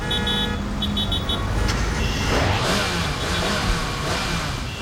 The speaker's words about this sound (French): Je le reconnais, c'est son moteur qui rugit.